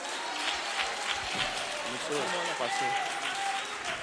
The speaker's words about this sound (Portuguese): Vamos receber o servo do Senhor. Com palmas se glorifica o nome de Jesus.